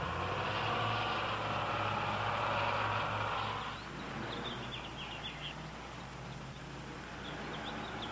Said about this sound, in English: Empty, it weighs more than 9 tons. It's powered by a 200-horsepower diesel engine. It can carry 75 passengers.